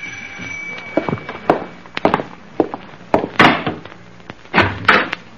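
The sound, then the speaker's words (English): A series of sharp, woody knocks on a door at about 8 o'clock, about a dozen irregular raps with a few heavier, louder bangs mixed in, and no voices; no one is found at the door. “That's funny. No one's at the door.”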